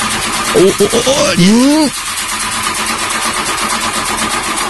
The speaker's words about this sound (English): So do you want to maybe start up the car?